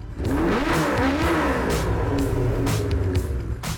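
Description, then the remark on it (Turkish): A car engine, just started and idling, runs steadily with a loud, continuous low rumble, its pitch rising and falling a few times as it's revved, with no talking over it. “Umarım düzensiz çalışmanın sebebi bozuk bujidir. Bu Harika. Rölantide.”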